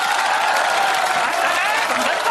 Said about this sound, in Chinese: 让人观众的掌声做评判，人家掌声谁激烈带谁去。咱们现在把权力交给观众，好不好？